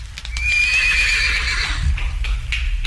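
A horse lets out one long, wavering whinny, fairly loud, over a steady low rumble and faint clopping hooves. No one speaks.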